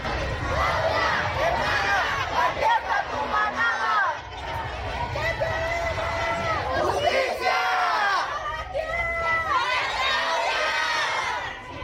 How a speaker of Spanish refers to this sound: Si me lo permites, vamos a escuchar parte de los reclamos que hacían en esta marcha hace unos instantes.